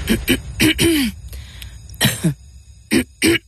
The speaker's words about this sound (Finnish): Hei, älä suotta köhi.